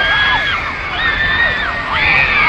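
A dense crowd of teenage fans screams continuously at an airport, waving posters and homemade banners with hearts; high overlapping shrieks rise and fall in waves, loud, with no clear speech.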